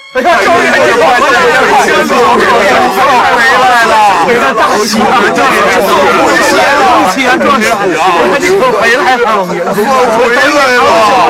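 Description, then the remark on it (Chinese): A crowd of villagers cheering as they welcome the new top imperial scholar home, a dense, loud wash of many overlapping voices that rises and swells continuously for about eleven seconds with no single speaker standing out. “乡亲们发出一片欢呼声”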